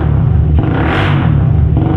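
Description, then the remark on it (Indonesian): A loud motorcycle engine with a modified exhaust roars with a deep, rumbling sound, swelling in a brief rev near the middle before settling back to a steady, throaty idle, continuous. “kau apakan kenal pot motor itu, nak? Suaranya terdengar sangat bising dan memekak di telinga papa, nak.”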